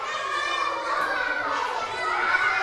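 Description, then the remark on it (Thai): A group of children in a classroom cheer on their classmates together in a steady, high-pitched clamor, loud and continuous for a few seconds without a break. “เด็กๆในห้องส่งกำลังใจให้เพื่อนหน่อยค่ะสู้ๆ”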